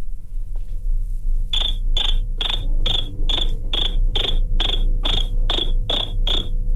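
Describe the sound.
A person imitates a cricket with about a dozen sharp, high chirps in a steady, even rhythm, fairly loud over a low background rumble, beginning after a short quiet stretch.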